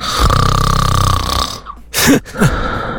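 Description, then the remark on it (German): A single loud snore from a sleeping partner at night: a long rattling, buzzing inhale lasting over a second, then a brief pause and two breathy, snorting exhales. No one speaks. “Ja, ja, das Schnarchen eures Partners.”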